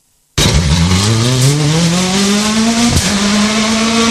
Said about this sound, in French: Bon, ben je te laisse parce que la voiture va partir